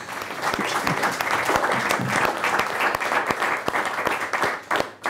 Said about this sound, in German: Ich glaube, das war auch ein ganzes Stück weit Ihr Applaus.